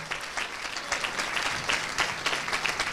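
An audience applauds steadily for a singer-songwriter from the Veneto region, a dense patter of many hands clapping at an even, moderate loudness with no voices standing out above it.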